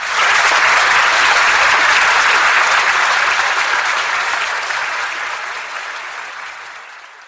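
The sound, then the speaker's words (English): A crowd applauds steadily, a dense wash of clapping that starts full and loud, then gradually thins and fades over several seconds with a slightly reverberant, delayed, echo-like quality. “The applause in that second room was different. It had delay in it, like a heartbeat with an echo.”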